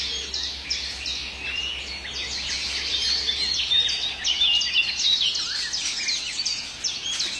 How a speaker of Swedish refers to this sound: Det som snackar där, det är svarthättans lockläte. Den är lite osäker föda och rör sig i trädet också.